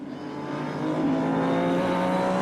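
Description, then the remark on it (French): A racing car's engine drones steadily and builds in loudness, its buzzing whine rising slightly in pitch as it pushes past another car, with no voices present. “Se glisser, ah donc il va passer l'autre voiture.”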